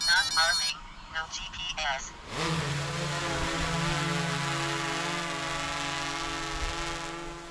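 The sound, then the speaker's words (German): A voice is briefly heard at the start, then a loud drone with a thermal camera kicks in, flying in even paths over a paddock due to be mowed, with a steady high-pitched rotor whine and buzz that holds evenly to the end. “Wir fliegen alle Koppeln, die gemäht werden sollen, auf einer stehen wir jetzt gerade, mit einer Drohne inklusive Wärmebildkamera ab.”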